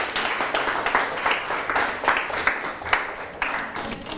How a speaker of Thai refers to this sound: ปรบมือเพื่อนกลุ่ม4นะครับ